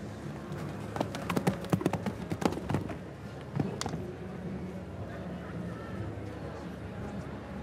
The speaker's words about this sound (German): Lässt das Pferd frisch galoppieren.